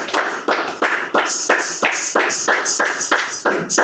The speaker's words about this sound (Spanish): Denle ese fuerte aplauso al Señor. Déselo con todo el corazón, hermano.